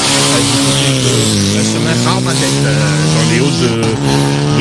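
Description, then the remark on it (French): A rally car, car number 53, revs loudly, its droning engine note climbing and shifting as it makes a gentle start and pulls away from the start line of a rally on Réunion, continuous for several seconds. “Un petit départ en douceur quand même pour la voiture 53.”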